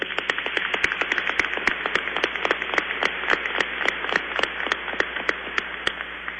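Loud, sustained welcoming applause from a church audience for a bishop, before a Eucharist: dense, steady clapping from many hands with sharper individual claps standing out throughout, and no voices over it.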